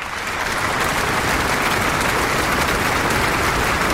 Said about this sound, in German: Lang anhaltender Applaus für den neuen Eichstätter Bischof Christian Würz. 42 Sekunden. Als er beim Gottesdienst am vergangenen Sonntag im Dom seinen Sitz einnimmt, die Kathedra, da ist es amtlich.